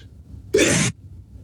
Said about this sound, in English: I'm going to sneeze. God bless you, Father.